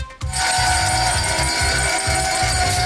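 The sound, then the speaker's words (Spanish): The traditional Wall Street opening bell in New York rings for SpaceX's stock market debut, a loud, continuous electric ring with a rapid rattling buzz and steady metallic tones, while Elon Musk and SpaceX workers applaud in a broad wash of clapping and crowd noise beneath it. “Es el tradicional sonido de la campana en la apertura de Wall Street y aplausos de Elon Musk y trabajadores de su empresa.”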